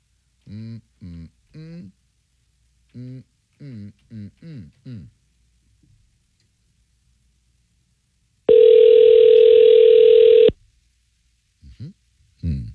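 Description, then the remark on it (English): A telephone ringback tone: one steady, loud two-second electronic buzz-tone ringing on the line, preceded by a series of short, choppy voice-like bursts and followed by brief faint sounds. “I think I'm calling you.”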